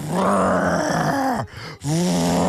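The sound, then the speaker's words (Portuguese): A man's voice imitates the roar of his motorcycle engine with a loud, sustained throaty roar that rises and falls, breaks off briefly for a breath, then revs up again. “É uma boa imitação.”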